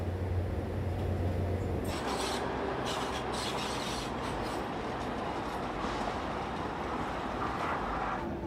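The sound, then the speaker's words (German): A Mitsubishi-built 750 hp diesel locomotive on the narrow-gauge Alishan railway runs with a steady, loud mechanical roar. A low engine drone gives way to a harsh, rasping rattle of rolling train wheels, continuous throughout with no voices. “Die Diesellok wurde von Mitsubishi extra für diese Strecke gebaut.”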